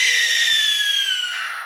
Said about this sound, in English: You might think that's a screech owl, but no, that piercing scream came wrenching from the throat of an owl with a heart-shaped face, the tawny-colored barn owl.